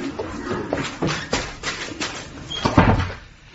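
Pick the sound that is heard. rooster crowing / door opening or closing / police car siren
door opening or closing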